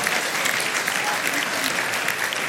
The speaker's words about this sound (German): Dein Applaus